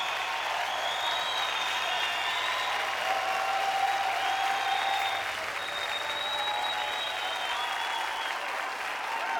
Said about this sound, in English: He would dearly have loved to have got this world record in front of his home crowd. They applaud.